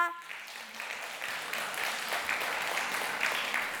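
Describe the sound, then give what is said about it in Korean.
An audience at a performance claps steadily for a few seconds, a dense, sustained wash of applause after a brief trailing voice at the very start. “아주 흥겨운 무대가 기다리고 있으니 마지막까지 뜨거운 박수와 응원을 부탁드립니다.”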